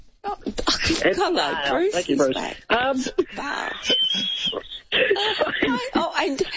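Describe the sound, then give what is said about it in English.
Loud bursts of raspy, hacking, smoker-like coughing, mixed with wheezy, laugh-like vocal sounds that come in uneven fits over several seconds. “And I do have a cough that makes me sound like I've been smoking 20 a day.”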